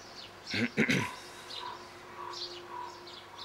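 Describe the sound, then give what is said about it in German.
A large bird lets out two loud, raspy squawks, then a few faint, higher chirps follow against quiet background hum. “Tatsächlich wartet der große Vogel eher gelassen und scheint schon wieder Appetit zu haben.”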